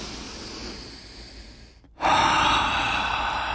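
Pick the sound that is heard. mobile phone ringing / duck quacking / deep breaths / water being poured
deep breaths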